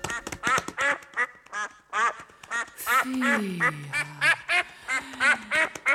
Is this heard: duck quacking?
yes